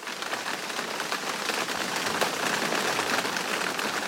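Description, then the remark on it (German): Steady rain falls in a dense, continuous hiss with scattered drops pattering on a hard surface, even throughout, with no voices. “Genau, es regnet mal wieder.”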